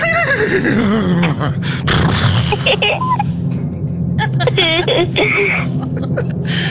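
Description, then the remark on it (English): A person imitates a horse's whinny, a loud, quavering cry that slides down in pitch, followed by breathy snorts and shorter wavering bursts over a steady low rumble. “doing an impression of a horse.”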